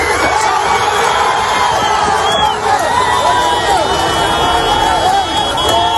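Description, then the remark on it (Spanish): A crowd of many voices shouting and calling out over one another at an earthquake rubble rescue site, loud, a continuous urgent clamor of overlapping yells with no pauses for six seconds. “Quiero que escuche, Sergio, este momento en el que alguien desde ahí abajo grita para que le oigan.”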